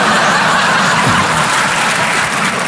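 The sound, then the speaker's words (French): A dense wash of audience applause fills the whole stretch, steady and fairly loud, with scattered laughter mixed into the clapping crowd. “N'applaudissez pas, vous allez tous mourir.”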